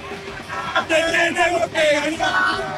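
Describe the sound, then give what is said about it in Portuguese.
Loud shouting and cheering from an excited Argentine football fan, with strained yells rising and falling over a noisy crowd-like background for a few seconds. “Olha como tá o clima aqui, Guilherme.”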